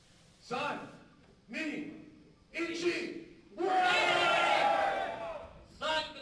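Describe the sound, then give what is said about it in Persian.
Spectators cheer and shout in four or five loud bursts separated by short pauses, the longest roar swelling for over a second before fading, at a fighting competition between humanoid robots in Tokyo, Japan. No metallic clashing stands out clearly. “صدای برخورد فلز با فلز، تشویق تماشاگران و مبارزه‌ای که این بار نه میان انسان‌ها بلکه میان ربات‌های انسان نما جریان دارد.”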